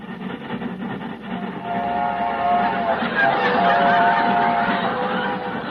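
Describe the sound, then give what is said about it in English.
A train sound effect, played by the sound man, rumbles steadily for several seconds, with harmonic whistle-like tones rising in the middle and faint laughter mixed in underneath. “The sound man is on the wrong track again.”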